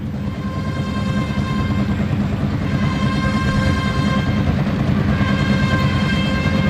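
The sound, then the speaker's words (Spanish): Bugles and kettledrums at the Las Ventas bullring in Madrid sound for the third bull, long, steady brass notes over a dense, rumbling roll of kettledrums, loud and continuous throughout with no voices. “cuando suenan aquí clarines y timbales para el tercer toro.”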